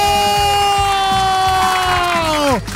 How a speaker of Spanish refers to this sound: todo el mundo va a aplaudir, va a gritar porque se va a dar una tele de 50 pulgadas.